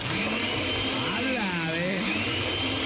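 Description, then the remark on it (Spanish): A blender whirs at a steady, loud, continuous pitch for the whole stretch, switched on at home during a phone call, while a voice speaks briefly over the motor noise partway through. “Aquí estaba en la casa, a ver, para saber que estaba en la casa, prende la licuadora.”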